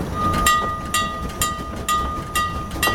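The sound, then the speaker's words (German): A train rolls along with rumbling and a steady high metallic squeal, like brakes, over regular clanking bursts about twice a second, as it comes to a stop, arriving after a journey of nearly 9 hours. No one speaks. “Oh, der Zug stoppt.”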